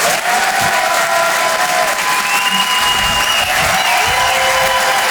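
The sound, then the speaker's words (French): A crowd at the Apollo applauds loudly and steadily for comedian Romain Barreda, live on Rire et Chanson, a dense wash of clapping with whistles and cheers rising above it, sustained throughout without pause. “Faites un maximum de bruit, s'il vous plaît, pour Romain Barreda.”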